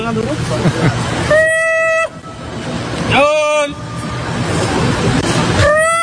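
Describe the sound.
A person imitates monkey calls to scare macaques: three loud, shrill whooping cries spaced about two seconds apart, set against a steady bed of background noise.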